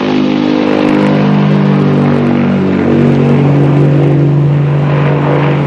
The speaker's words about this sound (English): Moments later, the plane lifts off.